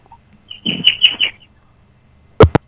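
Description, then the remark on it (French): Small birds chirp in the background: a brief buzzy, twittering trill, a pause, then two sharp, quick chirps. No one speaks. “Oh, les petits oiseaux qui chantent derrière,”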